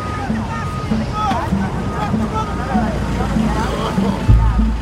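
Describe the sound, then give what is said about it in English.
Ocean waves wash in a continuous, fairly loud rush with a low rumbling undertone, while indistinct voices murmur faintly beneath the surf. “Where are we? The ocean.”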